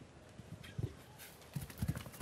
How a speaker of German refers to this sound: Ich glaube, dieses Pferd galoppiert nicht nur durch die Sörs, dieses Pferd galoppiert in unsere Herzen hier.